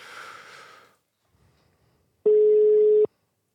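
A single loud, steady telephone ringing tone sounds for just under a second on an outgoing phone call, with the phone's volume turned up, preceded by a brief breathy rush of noise and a short quiet gap.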